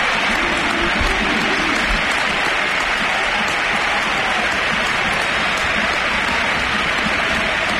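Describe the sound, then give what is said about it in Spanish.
A huge football crowd at the Sánchez Pizjuán stadium applauds in a standing ovation for footballer Luka Modric, a dense, sustained roar of clapping and cheering that fills the whole stretch without pause. “Claro, vamos, nos ponemos de pie y dejamos que suene el Sánchez Pizjuán.”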